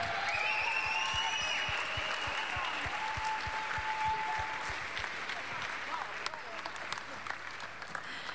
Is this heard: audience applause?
yes